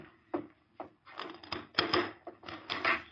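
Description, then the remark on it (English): A wooden door being opened wide by Rusk, an outlaw, to the Lone Ranger: two sharp clunks of the latch, then a sustained creaking, rubbing scrape broken by further knocks as it swings, moderately loud and with no voices. “Rusk opened the door wide.”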